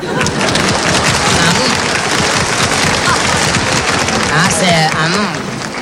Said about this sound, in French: Ces messieurs, dames applaudissent.